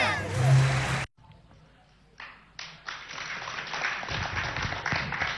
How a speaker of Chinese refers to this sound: 感谢大家掌声鼓励。 我以为他们不鼓掌了呢。